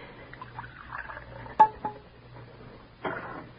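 A cup clinks sharply a couple of times, followed by a short stream of hot cocoa being poured into it, over a faint low hum.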